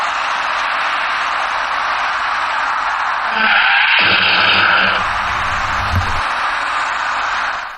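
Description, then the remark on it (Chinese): Over steady road and wind noise, a short screech of braking tires rises, then a dull thud of impact and rumbling low noise as the car stops. A white passenger car fails to brake in time and its front strikes the rear of a car stopped ahead in a middle lane, pushing it into the car in front. No voices are heard. “驾驶那辆白色小客的司机竟然没有注意到行驶在前面的两辆车已经停了下来，由于刹车不及，白色小客的车前部撞到了前车的尾部，被撞的前车又顶上了最前面的那辆小客车。”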